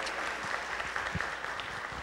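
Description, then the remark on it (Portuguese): A group applauds the birthday celebrants at a church Mass with steady, dense clapping that holds at an even, moderate loudness throughout, with no voices standing out. “Uma salva de palmas!”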